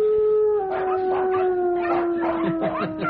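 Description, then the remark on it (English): The Queen's corgis howl in a sustained, wavering chorus, one long steady tone holding underneath while other voices rise and fall over it in yips and wails, continuous for about three seconds. “Oh, dear, there's my Canada, the Queen's calamitous corgis.”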